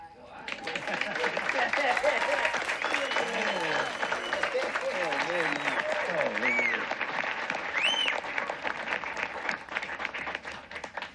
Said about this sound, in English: And we just want to thank our amazing volunteers, yeah? And let's give him a round of applause.